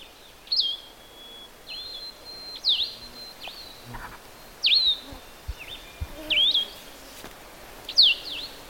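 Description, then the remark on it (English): A coniferous woods vireo, moving around in a conifer, sings short, slurred, whistled phrases, high-pitched and clear, repeated about seven times with noticeable pauses between them over a faint background hiss. No voices. “This is a coniferous woods vireo, and the spaces between the songs are much greater, and it can be said to be asking questions too.”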